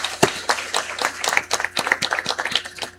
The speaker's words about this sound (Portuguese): Sejam todos muito bem-vindos à nossa acolhida com uma salva de palmas.